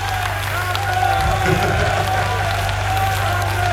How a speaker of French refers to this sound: Avec les applaudissements, c'est encore mieux, hein, c'est terrible.